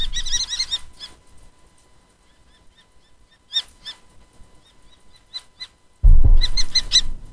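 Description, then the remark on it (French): Shrill, repeated common kestrel calls in rapid series, loud bursts at the start, middle and end with softer calls between, over a low rumble of background noise. “Eh bien, voici tout de suite le chant du faucon cresserelle.”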